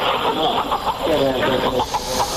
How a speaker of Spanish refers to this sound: ritual curativo, pasando 3 veces esa gallina alrededor del cuerpo del enfermo, en este caso este niño de corta edad, y luego matando a la gallina para de este modo expulsar esas energías negativas, y esto es lo que grabé en el interior de la iglesia.